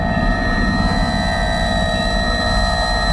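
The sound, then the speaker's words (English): A loud, steady drone of an airplane engine in flight, a continuous low roar with a faint high whine running through it, with no voices. “Or can kidnap an airplane in flight.”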